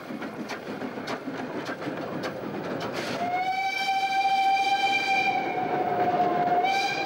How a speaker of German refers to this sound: Jetzt fährt auch die Lok wieder richtig herum.